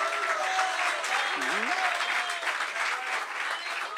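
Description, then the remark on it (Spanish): Steady, dense applause from an audience at an evening worship gathering fills the whole stretch, with a few voices calling out and a brief whoop rising over the clapping. “Demos un aplauso adicional en esta noche.”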